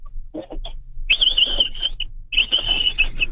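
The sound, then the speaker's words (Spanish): A 49-year-old man imitates the call of the capybaras in Tecámac with a small sound from his throat: a few short clicks, then two shrill, high-pitched squealing bursts, each about a second long and fairly loud, with a raspy undertone and no talking. “Sí, es que los capibaras no en Tecámac así suenan.”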